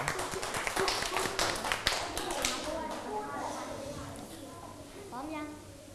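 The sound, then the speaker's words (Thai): A room full of children in a class clapping together to encourage the next group of classmates about to present, a dense burst of applause that fades after about three seconds, followed by faint murmuring and shuffling with a child's voice rising near the end. “งั้นกลุ่ม1 2 3ต้องตั้งใจฟังก่อนนะรอบที่2ให้เต็มที่ปรบมือให้กำลังใจจ้า”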